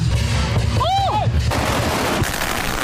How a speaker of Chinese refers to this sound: 当领狮人点燃鞭炮，率先投向场中央，炸火狮表演正式开始。炸火狮也叫舞火狮，是连山当地壮族同胞庆祝元宵佳节的独特年俗